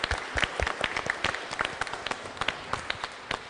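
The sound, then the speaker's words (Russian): An audience at an awards ceremony applauds a prize winner steadily, a dense patter of many hands clapping at moderate loudness with no voices standing out, lasting a few seconds. “Поздравляю вас, аплодисменты.”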